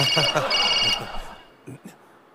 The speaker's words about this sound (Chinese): 哦，手机。